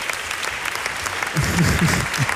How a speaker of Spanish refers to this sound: Bueno, un aplauso final, ya, gracias, por favor.